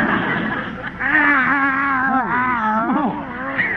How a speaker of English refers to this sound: Another cat following me. Oh, isn't that sweet? Those darling little kitties like you. Kitties? These are Skid Row tomcats.